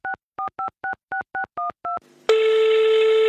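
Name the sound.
telephone number being dialed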